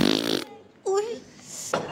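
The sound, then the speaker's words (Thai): A short, buzzy fake fart sound opens with a rapid rattling flutter. A brief squeaky, gliding vocal noise and another quick burst follow, fairly loud. “แกล้งตด”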